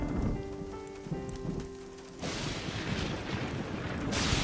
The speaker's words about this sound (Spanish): Está lloviendo demasiado fuerte. ¿Papá? ¿Mamá? ¿Franklin? ¿Es la tormenta lo que te asusta?